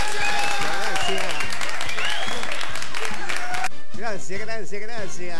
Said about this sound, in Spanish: aplauso de la gente, la familia, mis amigos.